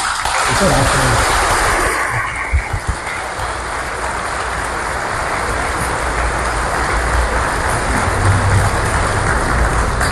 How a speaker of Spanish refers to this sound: Un aplauso a la Virgen.